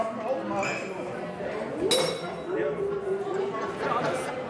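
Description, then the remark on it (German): Glasses clink together in a toast at a village festival, one bright ringing chink standing out mid-clip, with people talking and murmuring around it. “Prost, Herr Chef. Prost. Prost. Prost.”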